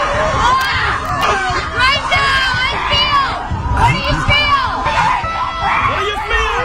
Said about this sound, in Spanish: Son retiros en la naturaleza, donde el principal objetivo es liberar tensiones a base de gritos. Ok. Sí, señor. Te tiran ahí en el bosque a gritar. Tenemos ahí a las mujeres ahí gritando, sí, señor.